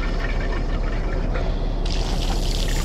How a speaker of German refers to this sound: Er wäscht sich die Hände. Ich höre es.